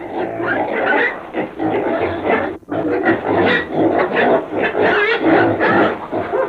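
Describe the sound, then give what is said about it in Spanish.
A pig grunts and snorts almost continuously, loud and rough, with a brief pause partway through before the grunting resumes just as densely. “¡Coche! ¡Coche, apártese, mi madre!”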